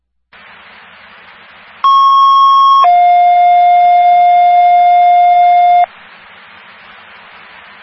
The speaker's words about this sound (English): To Stonington Ambulance, third and final tone.